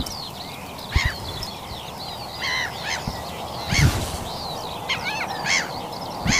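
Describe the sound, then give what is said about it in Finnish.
A dense chorus of birds calls outdoors at dawn on the shore of Vaaninlahti bay in Lohja, with harsh crow-like caws and honking waterfowl rising above a steady wash of chirps and trills, several loud bursts against a quieter backdrop. “Sinne häipyvät äänet Lohjan Vaaninanlahden rannalta.”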